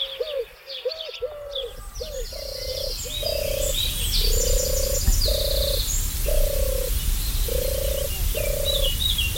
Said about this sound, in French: Celle-ci, c'est sa cousine qui était présente déjà bien avant l'arrivée de la tourterelle turque. C'est la tourterelle des bois qui est migratrice, qui disparaît en hiver, qui va en Afrique et qui revient ici.